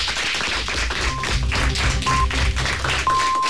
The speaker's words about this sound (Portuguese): Igual que empezasteis con un aplauso, vamos a cerrar con un aplauso para recibir las noticias de la 1:00 p.m.